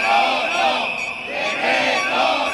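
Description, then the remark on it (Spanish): A crowd of protesters shouts and chants together outside the doors of the parliament chamber during a control session, groups voicing their demands to the Council; a loud, dense roar of many voices that swells and dips in waves without pause. “porque fuera, a las puertas de la Cámara, la imagen ha sido muy distinta y hemos visto diferentes colectivos que han aprovechado la sesión de control para exponer sus demandas y reivindicaciones al Consejo.”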